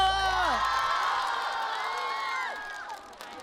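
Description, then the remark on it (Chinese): A loud crowd cheers and whoops for a dancer after his performance, many voices rising and sliding in pitch together, with some clapping underneath; the roar holds steady for about three seconds before easing off. “掌声给他！”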